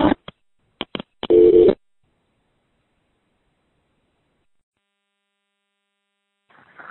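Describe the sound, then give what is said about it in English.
Several sharp clicks from a street payphone handset and keypad, followed by a brief steady dial-type tone, then near-silence with a faint rustle at the very end. “Anyway, another time and this phone won't take my next quarter, so talk to you soon.”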